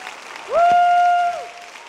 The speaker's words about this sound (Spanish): Dale un aplauso a Él, porque Él es bueno.